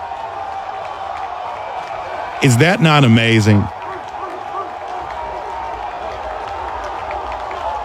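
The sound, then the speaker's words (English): A large crowd at a Georgia baseball game against Mississippi State cheers and applauds in a steady, dense roar that fills the whole clip, with a single voice briefly speaking over it partway through. “I mean, look at that crowd going crazy.”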